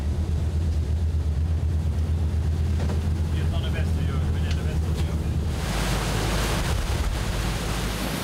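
A pilot boat motors through rough water with the waves from astern, moving in alongside for a pilot transfer, its engine droning low beneath constant wind and wave wash, with a louder rush of spray surging in over the last few seconds.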